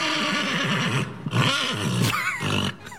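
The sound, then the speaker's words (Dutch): A horse at a riding stable in Den Hoorn neighs loudly, a long wavering whinny that rises and falls over about three seconds, with no one speaking. “die is bij Samantha Steenwijk bij de paarden op de manege in Den Hoorn”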